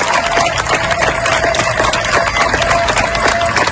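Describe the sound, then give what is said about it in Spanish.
Neighbours in Niebla, Huelva, Spain, applaud to bid farewell to UME members who worked for days to control a fire affecting over 33,000 hectares, in a dense, steady stream of clapping that holds an even loudness throughout, with a faint sustained tone running underneath. “Estos aplausos que escuchas son de los vecinos de Niebla, en Huelva, para despedir a los miembros de la UME que han trabajado durante días para lograr controlar el fuego que ha afectado a más de 33.000 hectáreas.”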